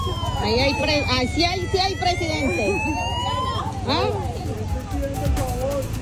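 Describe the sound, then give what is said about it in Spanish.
Police patrol car sirens wail in rising, overlapping sweeps over a steady traffic rumble as police patrols and cars arrive with the president in San Pacho, with a crowd of voices chattering throughout. “Patrullas de policías, carros, sí, efectivamente, puede decirse que sí está llegando el presidente.”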